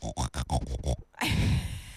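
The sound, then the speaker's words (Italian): A wild boar grunts in a quick rhythmic series of about six loud pulses, then breaks into a longer harsh, rasping snort. “Dai, vediamo insomma, che animale era, che verso era? Il cinghiale.”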